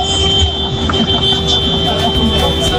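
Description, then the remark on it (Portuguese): Car horns blare in a steady, unbroken drone for the whole stretch, loud and sustained over a low rumble of engines and traffic, as people arriving at the Band FM radio station in Pinheiros, Brazil, honk. “Olha a galera buzinando, galera chegando aqui na Band FM pra todo o Brasil, fala aí!”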